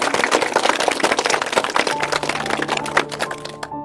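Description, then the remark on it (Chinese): An audience applauds to welcome a professor who will give a demonstration recitation. The clapping is a dense, steady patter of many hands for nearly four seconds, with a faint sustained tone creeping in underneath before the clapping thins out at the end. “好，来，我们鼓掌欢迎。”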